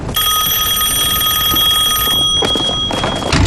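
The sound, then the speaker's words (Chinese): A telephone bell rings loudly and continuously, a rapid metallic trill sustained for about two seconds before cutting off, leaving a brief rustle of background noise. “什么事电话里说吗？”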